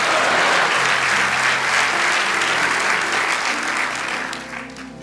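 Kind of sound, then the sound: crowd, audience applauding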